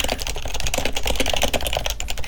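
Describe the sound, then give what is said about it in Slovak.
Rapid, steady tapping of keys on a computer keyboard as someone types a letter, fairly loud, with dense irregular clicks running continuously and no voices. “Teda akože klopanie na klávesnicu.”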